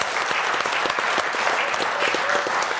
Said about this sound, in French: Alors, déjà, on applaudit notre invité qui a bien répondu.